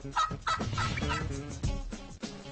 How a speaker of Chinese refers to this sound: 在北美，最大最美味的鸟是火鸡。